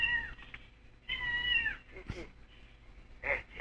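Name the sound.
cat meowing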